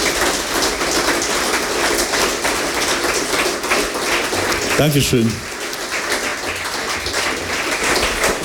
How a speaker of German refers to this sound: Und du bist jetzt in der letzten Lesung da und erstmal der erste Applaus gehört dir.